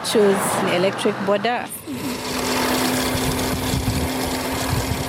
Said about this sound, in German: Wenige Minuten später surrt ein elektrisch betriebenes Motorrad die Straße hinunter. Man hört es kaum.